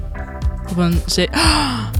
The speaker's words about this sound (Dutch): Het was inderdaad het geluid van een zebra. Je verwacht het niet, maar dit maakt dat gestreepte beest.